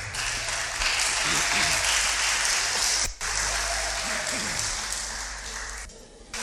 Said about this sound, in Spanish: Ahora vamos a tomar asientito y sentaditos le vamos a glorificar el nombre al Señor con un aplauso.